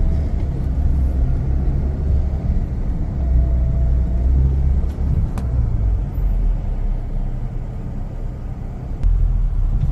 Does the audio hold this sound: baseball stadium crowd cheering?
no